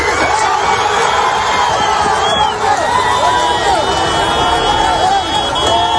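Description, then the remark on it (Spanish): A person shouts from beneath a collapsed mass of iron and bricks so that others will hear them, amid a loud, frantic crowd, many voices yelling and calling over one another continuously throughout, chaotic. “Quiero que escuche, Sergio, este momento en el que alguien desde ahí abajo grita para que le oigan.”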